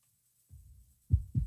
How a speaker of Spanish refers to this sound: Ese latido que estamos escuchando es el latido de un corazón rociero.